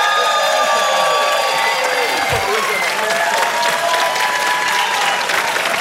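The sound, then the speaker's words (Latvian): Sustained, loud audience applause and ovation at an awards ceremony for a prize winner, dense clapping with a few cheers and crowd voices mixed in. “Un aplausi ovācijas!”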